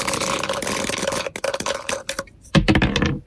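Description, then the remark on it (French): Dice rattle continuously in a cup, then tumble out in a scatter of sharp clicks during a board game, with a louder clatter as they land and roll on a hard surface, showing a 3 and a 1. Fairly loud, no voices. “Dès que vous me dites top, on jette les dés.”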